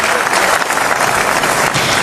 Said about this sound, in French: ce sont les acclamations du palais du Festival de Cannes. Standing ovation, toute la salle, absolument. Pendant la totalité du générique.